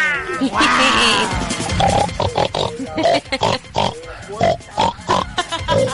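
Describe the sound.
A person imitates a pig, opening with a loud squealing cry and then making a rapid series of short, rough grunts and snorts.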